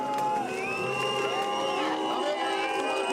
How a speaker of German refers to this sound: Bei seinem Wahlkampfauftritt an der Küste ist er keine Hilfe. Pfiffe und Buhrufe.